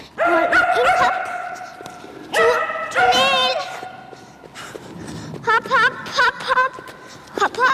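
A small dog barks in loud, high-pitched bursts, with yips and short whines in between, coming in quick clusters with brief pauses, close up in an echoing indoor space.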